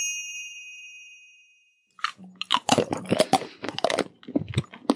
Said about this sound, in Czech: Kdo to tady tak hlasitě chroupe do mikrofonu?